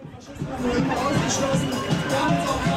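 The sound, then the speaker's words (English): A huge crowd of street protesters, gathered against the Alternative for Deutschland party's annual conference just up the road, fills the air with a dense, steady roar of many overlapping voices, loud, with no single speaker standing out. “I'm making my way through a huge crowd of protesters.”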